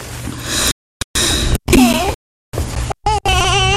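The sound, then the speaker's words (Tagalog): A baby cries loudly in a string of short, strained wails broken by brief gasping pauses, the cries rising and falling in pitch, with no talking. “Bakit naman umiiyak po yung baby?”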